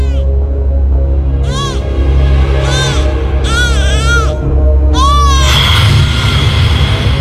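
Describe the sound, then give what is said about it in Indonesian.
A newborn baby cries in about five short, high, wavering wails separated by brief pauses, over a steady low rumbling background. “Suara tangis bayi itu sungguh menyayat hati.”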